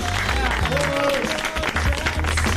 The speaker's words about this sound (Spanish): Fuerte el aplauso